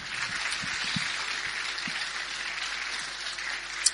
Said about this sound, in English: Welcome to the amazing 2026 Italian Community Volunteer Recognition Awards by Coasit of South Australia. Please, a big applause for Coasit South Australia.